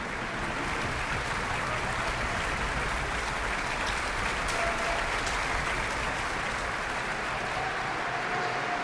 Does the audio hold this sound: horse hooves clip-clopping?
no